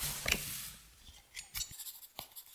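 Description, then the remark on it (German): At a crime scene, someone takes notes with a pen on blood spatter on a door in a stable passage: soft, scratchy strokes on paper in short irregular bursts, broken by a few sharp little ticks, with no one speaking. “schreiben Sie mit.”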